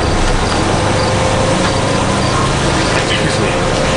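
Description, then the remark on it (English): A steady, loud engine rumble fills the inside of a city bus, droning continuously with a low hum and broad road noise, while faint murmurs of voices blur into the background. “Do you know if this bus, this bus comes back to the green line, or the L at all?”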